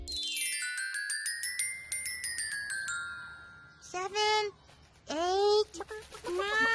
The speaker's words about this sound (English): You know, chickens are very, very good at playing hide and seek. Huh? Elmo was sure that he heard chickens.